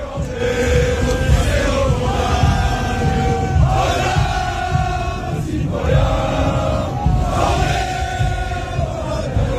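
A large French crowd sings and shouts together in Times Square, New York, from 42nd to 47th Street, in the evening, in a loud, continuous roar, with chanted phrases rising and falling in repeated waves about every two to three seconds.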